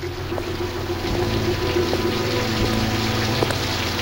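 Heavy rain pours down in London in late 1938 in a steady, dense hiss, with a low rumbling hum underneath and occasional louder drips, continuous throughout.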